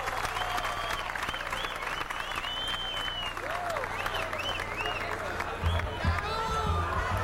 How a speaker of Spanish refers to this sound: Gracias por esos aplausos inmensos que no me los merezco.